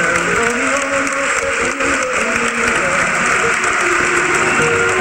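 A crowd applauds mothers at a celebration honouring them, steadily and loudly for about five seconds, a dense wash of clapping that never lets up, with a faint murmur of voices mixed underneath.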